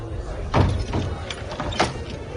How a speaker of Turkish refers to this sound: Ardından Resulullah Kabe'ye girdi. Üsame bin Zeyd, Bilal ve Osman bin Talha da beraberinde girdiler. Kapı kapandı.